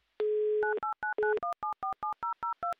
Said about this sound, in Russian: Быстро, оперативно набрали номер телефона электронными пальцами.